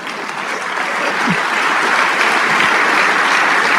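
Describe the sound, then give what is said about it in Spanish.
An audience breaks into sustained applause for the King of Kings, a dense, steady wash of many hands clapping that holds loud and even from start to finish with no voices on top. “Si sí, ese aplauso es para el Rey de Reyes.”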